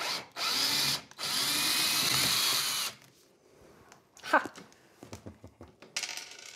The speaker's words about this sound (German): Und nochmal einen Akkuschrauber.